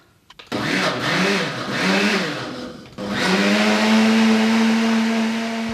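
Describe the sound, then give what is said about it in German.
A blender whirs loudly, its motor pitch wavering as it purées preserved currants, then cuts briefly and restarts into a steady, high, even whine. No voices are heard. “Ja, also zuerst wieder die eingemachten Johannisbeeren zum Pürieren in den Mixer.”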